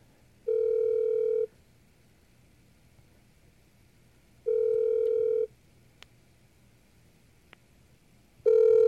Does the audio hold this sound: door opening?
no